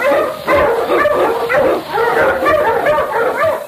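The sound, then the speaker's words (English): King, an Alaskan Malamute sled dog and Eskimo lead dog, barks and yelps excitedly in a rapid, steady series of loud calls lasting several seconds, with no one talking over it. “On, King! On, you Malamute!”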